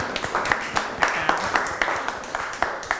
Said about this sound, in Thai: ลงมือปฏิบัติตามขั้นตอนที่เราวางแผนไว้ใช่ไหมลูกเก่งมากปรบมือให้ตัวเองทั้งห้องเลย